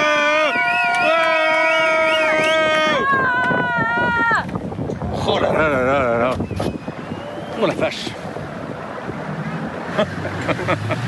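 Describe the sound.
Out on open water, a small rented boat carrying a racer's family rides through gusty wind and splashing waves to meet him at his finish, with loud horn blasts at the start and people talking and calling out.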